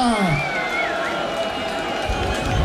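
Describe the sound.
A crowd applauds and cheers in a steady, dense wash of noise, with shrill whistles and raised voices rising above it the whole time.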